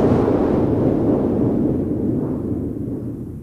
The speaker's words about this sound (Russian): Простите, пожалуйста, вы не могли бы мне объяснить, что это за странные звуки? Ах, доктор, это пушки. Пушки? Пушки. А стреляют они, потому что оружейник Просперо повел сегодня народ, чтобы взять штурмом дворец трех толстяков.